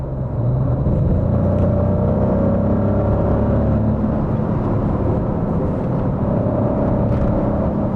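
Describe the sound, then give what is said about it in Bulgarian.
A Maserati V6 Nettuno engine, developed from Formula 1 engines, revs loudly and continuously, a dense rumbling roar with droning harmonic tones that swell and shift slightly in pitch throughout. No one speaks. “И като звук, и като динамика, този двигател напълно съответства, ако не и засенчва, митичния V8, който Maserati използваше в предишните десетилетия.”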